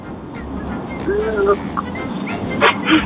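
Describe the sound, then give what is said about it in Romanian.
A child's voice imitates an angry wolf, with fairly loud growls and short yelping cries over a few seconds. “Aoleu, chiar nervos lupul ăsta.”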